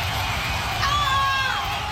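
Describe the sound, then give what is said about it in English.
A stadium crowd cheering sound effect from YouTube, an hour-long version: a steady, dense roar with high whistle-like tones and shouts rising briefly over the wash of noise. It holds at a constant loud level throughout. “YouTube stadium crowd sound effects.”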